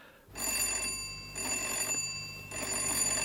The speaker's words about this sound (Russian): Кого это еще черт несет сюда? Звонок настойчивый, значит, это женщина.